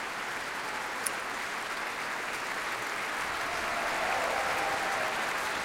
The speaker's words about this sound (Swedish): Ja, jubel för träblåsarna här också. Och som sagt, stående ovationer i Berwaldhallen.